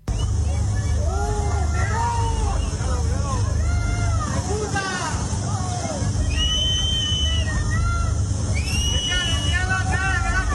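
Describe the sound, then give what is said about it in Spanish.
A crowd of residents affected by the wildfire shouts and jeers at Spanish Prime Minister Pedro Sánchez arriving at the advanced command post for the Val d'Uixó fire in Castellón, Spain, in the morning; many raised voices overlap in a loud, continuous clamor with sharp, high-pitched cries breaking through over a steady low rumble. “pero díganle ustedes a estos vecinos que le están gritando a Pedro Sánchez y que se han visto afectados y que no saben si se han quedado sin absolutamente nada”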